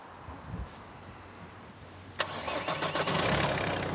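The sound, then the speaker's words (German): A car engine being jump-started turns over with a low churning, then suddenly catches about halfway through and settles into a loud, steady running rumble, with no voices. “Mit zweien geht's. Hört sich gut an.”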